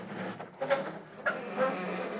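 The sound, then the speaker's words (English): A garage door is opened gently in the early morning, grinding open with a steady mechanical rumble, punctuated by three short, high squeaks as it moves. No one speaks. “I'll open the garage door real easy.”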